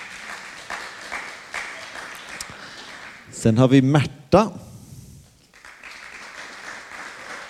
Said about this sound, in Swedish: Håll i applåderna nu.